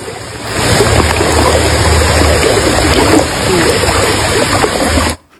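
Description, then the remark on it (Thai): A loud, steady roar of rushing muddy floodwater in Thailand, swift enough to topple a whole durian tree and carry it away, surges continuously for several seconds, a dense churning torrent with a faint low hum beneath, then cuts off abruptly. “เนี่ยค่ะมีคลิปอีกคลิปหนึ่งค่ะน้ำมันไหลเชี่ยวมากจนพัดต้นทุเรียนทั้งต้นให้ล้มแล้วก็ไหลไปด้วย ไปแล้วโอ้โหเสียดายเลย เสียดายมากเลย แล้วน้ำสีขุ่นมากนะคะ”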